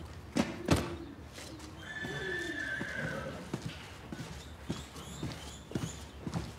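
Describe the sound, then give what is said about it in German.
A horse whinnies in a drawn-out, wavering call while hooves clop unevenly on a hard surface, with a few sharp knocks scattered through the sounds. “Du denkst keine Schweinereien, weil du ein Pferd bist.”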